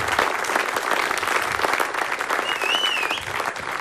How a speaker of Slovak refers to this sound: Ďakujeme veľmi pekne. Ten potlesk vám zaslúžene patrí.